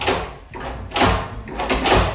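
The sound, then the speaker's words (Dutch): New toilet door handles are tested, worked several times in quick succession, giving sharp metallic clacks and rattles of the latch, fairly loud with no voices. “Het testen van de nieuwe klinken op de wc.”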